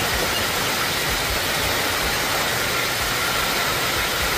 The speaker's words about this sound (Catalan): Així sonaven algunes de les tempestes que han descarregat fort aquest cap de setmana, molt especialment dissabte, però ahir també, ahir la tarda, a les comarques de Girona i també al Pirineu.